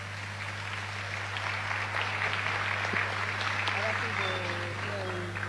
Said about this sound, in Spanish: Así que un gran aplauso para ustedes que han trabajado, se han expresado.